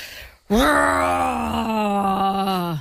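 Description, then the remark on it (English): During a timed sound-guessing game, a voice imitates a yeti with a single long, low moaning groan that starts abruptly after a brief silence, holds a steady pitch with slight downward drift, and stays loud for over two seconds. “Sound like a yeti.”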